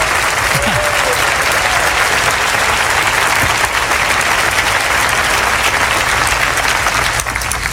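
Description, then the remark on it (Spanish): A church audience at a sermon breaks into sustained applause for the Lord. A dense, steady wash of clapping stays loud and even for several seconds, with faint cheering voices mixed in. “Denle un aplauso grandioso al Señor de señores y al Rey de Reyes.”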